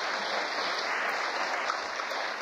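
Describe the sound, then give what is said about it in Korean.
A crowd claps steadily and continuously, a dense, even wash of many hands with no talking, holding the same level throughout. “무슨 또 뭐 쓸데기 없이 돌아다니지 말라고 이렇게 박수를 칩니까 또?”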